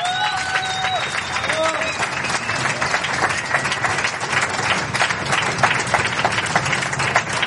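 An audience applauds a four-piece classical instrument group. Many hands clap in a dense crackle at an even level throughout, with a few brief whistle-like tones rising above it near the start.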